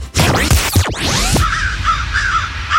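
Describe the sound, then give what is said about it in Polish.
Several harsh, raspy crow caws ring out in quick succession, loud, followed by a thinner, chattering bird call trailing off over a steady background hum. “No, bo trzeba ganiać te wszystkie ptaki.”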